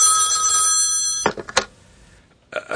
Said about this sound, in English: Alone in my hotel room late one night, I had just gone to bed when the phone rang.